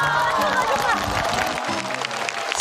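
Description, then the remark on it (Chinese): An audience claps steadily in a dense, continuous wash of applause with some cheering, fairly loud for the whole few seconds, while voices and a low tonal sound mix in underneath. “大家的掌声、欢呼声说明一切啊。”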